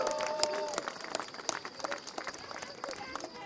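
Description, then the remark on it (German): Steady crowd applause at a Walpurgis celebration in Wernigerode, given for the working teams: many hands clapping in a dense, continuous patter with scattered sharper claps rising above it, moderately loud, with some faint voices mixed in. “Ich glaube, das ist mal euer Applaus, auch an meine Teams, die immer dafür sorgen, dass wir hier so tolle Veranstaltungen in Wernigerode haben können.”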